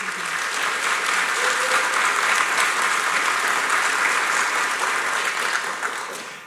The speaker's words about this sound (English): It always tells me something when people, they need to clap and celebrate somebody before I've finished describing who they are. It tells me that people here already know you and already love you.